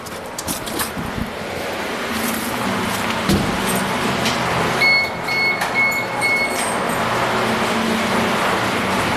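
Water flows and rushes steadily at a spring channel of the aqueduct springs in the municipality of Breggia, opened up by the fountain keeper, a dense continuous hiss and rumble with no talking. A faint high whine briefly rises above it midway.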